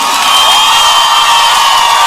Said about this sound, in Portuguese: aplauso faz barulho.